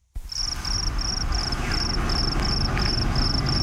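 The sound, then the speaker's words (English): Crickets chirp in a steady, evenly spaced rhythm of high trilling pulses, about nine in a row, over a constant low outdoor rumble. No voices are present. “There it is. Charity Crickets, and that's the headline in the Express News.”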